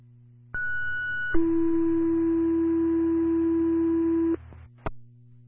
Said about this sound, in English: LCD 2 Sherman Ambulance, second tone, response number 120, Route 39 South.